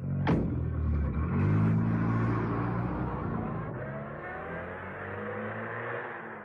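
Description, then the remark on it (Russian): A sharp thump, then a car engine revs up loudly and drones steadily as the car pulls away, heading to an airfield, the rumble easing slightly toward the end. “Садитесь в машину, там поговорим. Я спешу на аэродром. Поехали”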